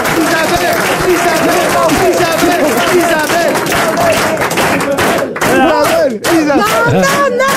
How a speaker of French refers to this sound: C'est vexant. Arrêtez d'applaudir, c'est vexant.